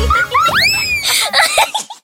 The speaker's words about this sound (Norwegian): Tusenfryd presenterer Dagens skrik.